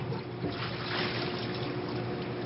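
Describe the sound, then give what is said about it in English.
Pierogies splash and churn in a pot of boiling water as a crew member boils them, a steady bubbling and sloshing that swells briefly near the start, with no voices. “another crew member, George James, boils the pierogies and pours them into a vat of melted butter”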